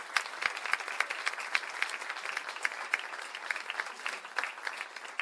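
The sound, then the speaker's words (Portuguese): Steady, dense applause from an audience at a music show at Casa do Choro, given for the sound technician, many hands clapping at once in a continuous wash with scattered sharper claps standing out, moderately loud. “Salve de palmas.”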